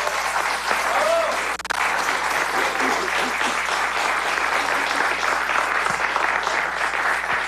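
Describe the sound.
Sustained applause from an audience fills the whole stretch, a dense steady patter of many hands clapping, loud and close, with faint voices mixed underneath.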